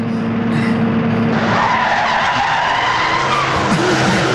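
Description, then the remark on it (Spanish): A car pulls up with a loud, sustained tire skid, the squeal and engine roar filling the whole few seconds with no voices over it. “Ven, Cindy, acerca el carro.”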